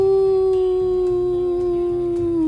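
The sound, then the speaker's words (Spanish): A human voice imitates the howl of a desert wolf: one long, loud, steady wail, its pitch sliding slowly downward, with a faint low rumble underneath. “El lobo del desierto.”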